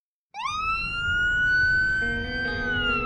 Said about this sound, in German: Wenn die gelben und weißen Transporter mit rotem Davidstern-Logo losfahren, mit heulenden Sirenen und blinkenden Lichtern, sind die Retter der israelischen Rotkreuzgesellschaft Magen David Adom im Einsatz.